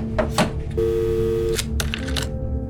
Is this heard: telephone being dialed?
yes